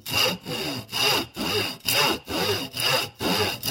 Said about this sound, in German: Also für die Lok 7 cm steht hier in der Bauanleitung. Ich mache dir einen Strich mit dem Bleistift. Dankeschön. Dann übernehme ich einfach das Sägen.